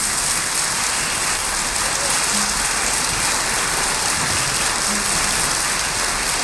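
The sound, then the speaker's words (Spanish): Loud, dense applause fills the whole stretch, a steady hiss-like crackle of many hands clapping at once with no pauses and no voices over it; a welcome on the 94.3 folk music radio program. “Ahí está, recibimos con un fuerte aplauso.”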